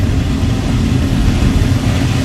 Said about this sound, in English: I mean, it was better than the jet that just flew by.